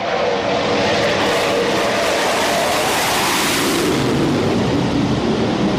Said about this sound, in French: Voilà, les rafales sont à l'aplomb du porte-avions. Donc là, ils sont en train de revenir de leur mission Mars Strike. Ils orbitent autour du porte-avions et donc ils se configurent petit à petit pour se préparer à l'appontage.